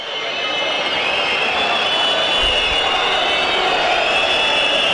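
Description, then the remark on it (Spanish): A football stadium crowd of San Lorenzo fans whistles loudly and continuously as San Lorenzo, in an alternate shirt, come onto the pitch to face Riestra. Many shrill whistles blend into a steady high-pitched wall over a roaring din that stays strong throughout. “Silbidos para la aparición de San Lorenzo en cancha.”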